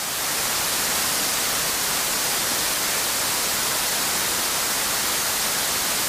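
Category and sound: sound effect, white noise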